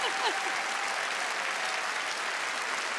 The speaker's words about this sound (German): Was für ein fantastischer Abend und was für ein Publikum. Unfassbar. Macht euch einen Applaus. Vielen Dank.